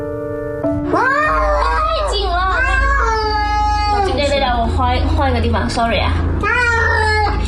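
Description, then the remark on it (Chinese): A frightened, very fierce, biting cat taken in by a rescue centre, hiding in a box, yowls and meows in long, wavering, drawn-out cries, loud, nearly continuous for several seconds over a low steady hum. “然后他就说他接收到了一只非常非常凶、很吓人、咬人的一个猫，第一次遇到这么凶的一只猫，问我们应该怎么办。”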